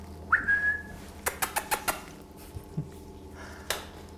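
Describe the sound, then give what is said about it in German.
Kea parrots call during their daily visit, with one short, high whistled note, followed by a quick run of sharp clicking taps and a last click after a pause, with no talking. “Tägliche Visite der Keas.”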